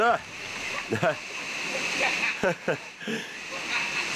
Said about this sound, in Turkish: Bu mağaradaki 6 şelalenin en büyüğü. Ve maceraya atılmaya niyetliyseniz Çağlayan'ın doğrudan içine tırmanabilirsiniz. Orada neredeyse ayağım kayıyordu. Çıkarken kayaları tutabildim. Bir yandan da üzerinize şelale akıyor.